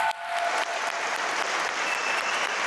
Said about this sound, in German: Ein Riesenapplaus für dich.